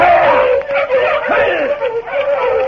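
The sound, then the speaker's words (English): A pack of sled dogs barks and yips excitedly all at once, their overlapping cries forming a loud, continuous chorus with no pause. “Then I could break trail for the dogs.”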